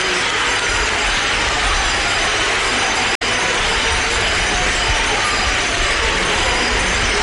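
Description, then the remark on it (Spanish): A dense, steady wash of crowd applause, cheering, cries of 'viva' and weeping, with small bells ringing, as the Virgen de la Bella is brought out at the parish of Santo Domingo de Guzmán in Lepe at the start of her festival; loud and unbroken for several seconds apart from one momentary cut. No one speaks. “Pues sí, Pablo, ahí escuchamos ahora esos aplausos, esos llantos, esos vivas, esas campanillas sonando, ese momento en el que solo las miradas están puestas en ella, están puestas solamente en ella.”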